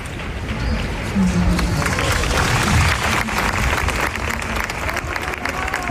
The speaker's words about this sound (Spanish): Aquí en Sol se estaba celebrando una asamblea cuando ha llegado la noticia. Enseguida han llevado a cabo un minuto de silencio que terminaba en aplausos, como los que escuchamos ahora.